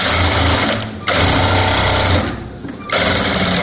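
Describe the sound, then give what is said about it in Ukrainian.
A sewing machine runs in steady, rapid mechanical bursts, a loud whirring stitch that stops briefly twice before starting up again, as a seamstress in Kharkiv, Ukraine, sews up the city's large blue-and-yellow flag after the wind has torn it. No one speaks. “Саме вона доглядає за синьо-жовтим стягом Харкова і зшиває, коли його пошматує вітер.”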